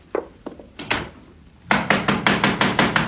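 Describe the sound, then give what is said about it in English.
Heavy knocking on a door: a few scattered thumps, then a loud, rapid, insistent run of about nine pounding blows, with no voices. “Just a minute. Don't knock it down.”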